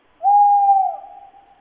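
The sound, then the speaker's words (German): A single drawn-out tawny owl hoot, a steady mid-pitched tone that holds strongly and then fades into a softer, trailing tail. No other sounds or voices accompany it. “Das würde mir nachts im Wald einen Schauer über den Rücken schicken. Der Wald kaut.”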